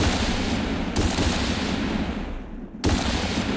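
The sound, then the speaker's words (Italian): A man shooting at animals on the banks of a pond: dense, crackling gunfire rumbles steadily, with two abrupt loud bursts cutting in, one about a second in and another near the end after a brief fading lull. No voices. “L'aria crepitava mentre l'uomo bianco sparava.”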